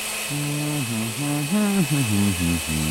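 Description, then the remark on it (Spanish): A blender motor whirs with a steady buzzing hum that steps up and down in pitch several times as it changes speed, blending papaya, oats, flaxseed and lemon juice, loud and continuous throughout. “Ponga los ingredientes en una licuadora.”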